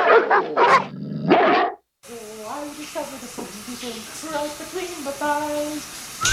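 A few loud, harsh dog barks burst out in quick succession, then after a brief silence come quieter, higher pitched whines and yips that rise and fall over a faint background.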